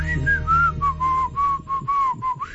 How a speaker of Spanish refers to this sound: dice mejor chiflala. No sé chiflar.